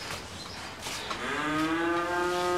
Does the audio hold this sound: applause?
no